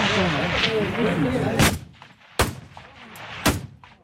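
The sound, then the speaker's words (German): Three sharp, loud rifle shots crack out at uneven intervals at a 300-metre shooting range in Chur, Switzerland, during the federal shooting festival, each with a short echo. Voices murmur in the background before the first shot. “Eindruck vom 300-Meter-Schiessstand in Chur.”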